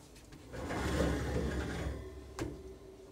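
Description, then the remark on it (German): A door is pulled shut: a low rumbling slide for about a second and a half, then a single sharp knock as it closes. No one speaks. “Ich mach mal die Tür zu.”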